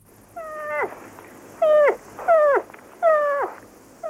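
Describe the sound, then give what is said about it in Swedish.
A moose calf calls four times in a row, each a nasal, whining bleat that slides downward in pitch, clear with short pauses between and no voices. “Fel, det är en älgkalv som låter så där.”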